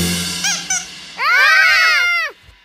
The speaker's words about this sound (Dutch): Ach, het is gewoon het piepen van het eentje uit het bad.